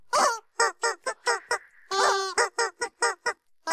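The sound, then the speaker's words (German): A squeaky rubber chicken toy honks out a quick tune, about a dozen loud, nasal squeaks at shifting pitches in a bouncy rhythm, with one longer held note midway and no voices. “Ihr habt ganz fleißig mitgerätselt, heute Morgen wieder, was das verrückte Huhn da gequietscht hat am musikalischen Mittwoch.”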